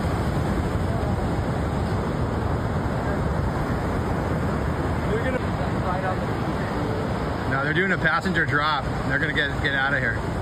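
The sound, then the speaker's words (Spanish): Several jet skis speed at full throttle through crashing surf to the shore at Imperial Beach, California, dropping people on the beach, in a steady wash of engine and wave noise, with wavering motor whine and voices breaking through near the end. “A toda velocidad, varias motos acuáticas llegaron hasta la orilla y dejaron a varias personas en la playa.”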